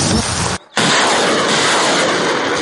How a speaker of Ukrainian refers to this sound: Артилеристи вдосконалюють майстерність, аби вправно накривати ворожі цілі залпами граду.